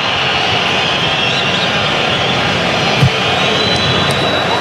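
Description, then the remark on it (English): A large, restless Mexican crowd at a World Cup football match boos in a steady, loud, unbroken drone that holds for several seconds, a dense wash of voices with no clear individual calls and no one speaking over it. “Now you're hearing boos from the crowd.”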